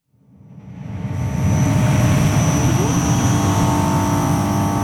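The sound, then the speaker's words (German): A steady, unbroken electrical hum from 28 shipping-container-sized battery storage units in front of the Arniberg power plant in Gurtnellen, canton Uri, Switzerland, just behind the motorway towards Gotthard, fades in over the first second: a low droning rumble with a thin high whine on top, holding level with no speech. “Wäre da nicht dieses leise, konstante Brummen? 28 Schiffscontainer große Batteriespeicher stehen vor dem Kraftwerk Arniberg in Gurtnellen”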